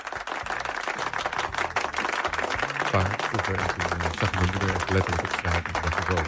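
Steady, dense applause with many hands clapping at once, loud and continuous for the whole stretch, with a low tonal hum or music running underneath, welcoming a guest in the Meer Radio studio.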